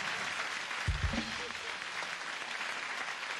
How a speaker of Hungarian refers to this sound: Tapsoljuk meg a hölgyet